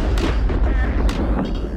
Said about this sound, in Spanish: El sonido de un trueno